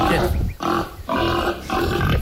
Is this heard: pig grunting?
yes